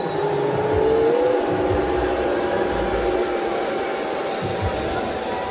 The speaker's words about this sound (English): Mooing, not booing. I do appreciate the milkman who delivered in walk-off style in the opener.